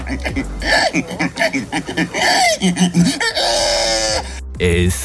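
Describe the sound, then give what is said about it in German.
A person, the winner of a pig-imitation contest in Estonia, makes loud, rhythmic grunting and squealing noises in imitation of a pig, with rapid snorting bursts followed by a long, drawn-out squeal near the end. “Nämlich, es ging darum, wer am besten ein Schwein nachmachen kann.”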